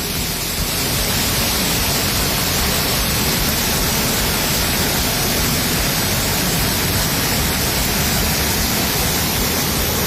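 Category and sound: nature, strong rushing floodwater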